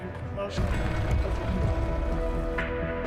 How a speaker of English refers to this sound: How much did it rain last day? I don't know, but it's currently raining, so.